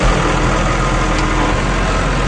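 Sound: tractor engine running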